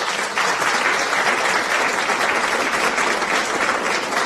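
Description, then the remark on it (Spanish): Steady applause from a crowd, loud and continuous for the whole stretch, a dense wash of many hands clapping without pause or any voices; an applause effect on a Radio Mexicana show greeting the winner. “¡Aplausos! ¡Aplausos! ¿Dónde están los aplausos?”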